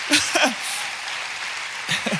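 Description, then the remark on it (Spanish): An audience claps steadily for the Lord in a dense, sustained wash of applause, with a few raised voices calling out near the start and again at the end. “Si vas a aplaudir, apláudale fuerte al Señor.”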